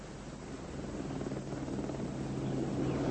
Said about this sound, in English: I do believe she's coming! There's the helicopter! She's coming! Look, she is!